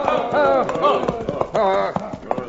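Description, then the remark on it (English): Horse hooves clip-clop in a steady, moderately loud rhythm as a marshal slows his horse among rocks where a trail vanished, the sharp knocks mixed in with voiced, talk-like sounds running over them. “There was no trail to follow, so the marshal slowed his own horse and turned in the saddle.”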